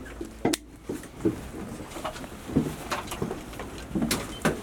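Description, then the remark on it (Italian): A safety harness is fastened aboard an Italian Coast Guard all-weather patrol boat, class 800, CP 864: a series of sharp metallic clicks and snaps from buckles, with soft strap rustling in between, irregularly spaced and with no talking. “L'imbragatura ci dice che è giunto il momento di prepararsi.”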